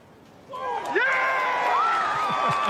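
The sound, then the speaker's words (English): A golf crowd at the U.S. Open erupts into a loud, sustained cheer as a short tap-in putt on the 18th hole wins the championship, with the winning golfer's voice yelling out clearly above the roar as it swells and holds. “I mean, that's him yelling. Yeah, that's him. You can hear him over the crowd.”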